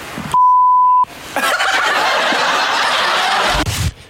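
A steady, piercing censor bleep about 0.7 seconds long masks a word, followed by a burst of loud, cackling laughter that continues for a couple of seconds.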